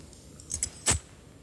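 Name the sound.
keys jangling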